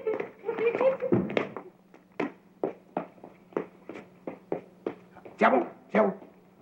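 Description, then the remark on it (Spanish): A puppy whines and yelps in a dense flurry, then settles into a steady series of short, sharp barks, about a dozen, evenly spaced, ending with two louder yaps. “Oye, Kiko, ¿qué tal si jugamos con tu perrito?”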